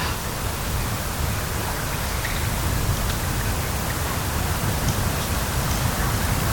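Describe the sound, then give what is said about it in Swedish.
Gentle sea water laps against stones in a steady, soft wash, a continuous hiss with no distinct breaking waves, in the dark, with no voices. “Så hör man ju det här lite försiktiga ljudet av havet som spelar in mot stenarna.”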